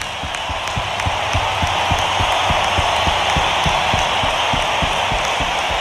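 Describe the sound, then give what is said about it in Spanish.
Sustained applause from a large crowd at a band's show, an applause the band gives to its fans, a dense wash of many hands clapping at once, steady and loud throughout with no voices standing out. “Vamos a darles un aplauso nosotros a ustedes.”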